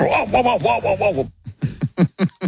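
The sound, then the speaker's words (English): A man's voice imitates his own dog during an interview, starting with a drawn-out yelping howl and then letting out a quick series of about six short, punchy woofs, fairly loud. “whether or not there was actually a dog there or whether he was just dodging questions with the help of an imaginary dog, imitating the sound of his own dog during the interview.”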